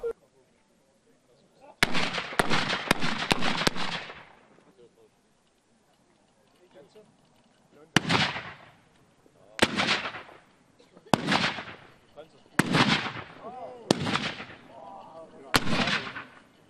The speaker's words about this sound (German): Über 50 Kanonen wurden präsentiert. Die gesamte Vorführung dauerte 1 Stunde und war verbunden mit gewaltigen Schussgeräuschen. Und ganz in der Nähe der Kanonen verspürte der Körper ein leichtes Vibrieren.